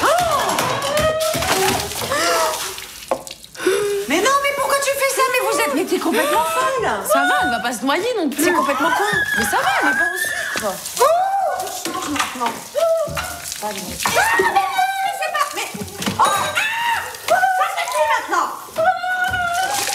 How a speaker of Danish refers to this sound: Ja, så er vandkampen i gang.